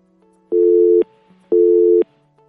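A telephone busy signal as a caller fails to get through to a phone-in line: two steady electronic tones, each about half a second long, separated by equal pauses, heard fairly loud over a faint low hum with no voices.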